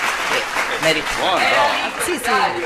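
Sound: applause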